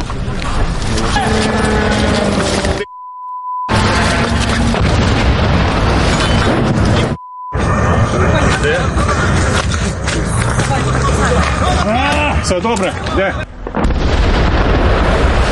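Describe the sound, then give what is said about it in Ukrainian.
Loud, rumbling booms and a continuous roar of noise fill the scene while people call out to each other, briefly cut by two short gaps of silence, as a Shahed drone attempts a repeated strike on a petrol station in Zaporizhzhia, Ukraine, and is shot down by air defences. “У цей момент ще один шахед намагався завдати повторного удару.”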